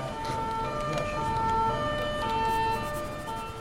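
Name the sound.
police patrol car siren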